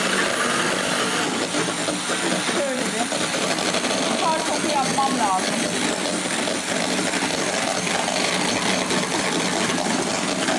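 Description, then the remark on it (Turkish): A mixture being whisked into froth with a steady, loud mechanical whir that runs unbroken for the whole stretch, with a few faint higher chirps briefly cutting through midway. “Ben biraz bunu köpürteceğim.”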